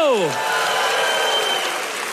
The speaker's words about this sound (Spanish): Yo daría un aplauso al Señor. Yo daría un aplauso fuerte.